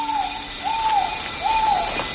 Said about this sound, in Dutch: zijn dicht in de buurt van een trogon. Een bijzonder kleurrijke vogel die tegenwoordig alleen in tropische gebieden leeft. Maar mogelijk is de soort in Europa ontstaan.